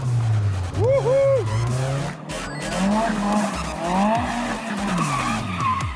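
Tires squeal in sustained, wavering high-pitched screeches as a car skids and drifts, with the engine revving underneath; the loud squealing continues throughout with rising and falling pitch sweeps. The car is a Nissan Silvia from the early 1990s.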